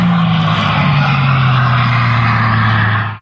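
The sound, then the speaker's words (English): A hydrogen-powered record car driven by Andy Green roars past on the salt flats in Utah at up to 406 miles per hour, a loud, steady whining drone whose pitch slowly sinks as it goes by, ending in an abrupt cutoff. No voices. “Blazing across the salt flats in Utah, Andy Green, a retired Royal Air Force pilot, reached a top speed of 406 miles per hour yesterday in a hydrogen-powered car.”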